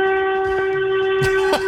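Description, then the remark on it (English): A horn honks in one long, unbroken blast, a steady, buzzy mid-pitched tone held at constant loudness throughout, with a couple of brief rustling clicks toward the end. “That's a horn.”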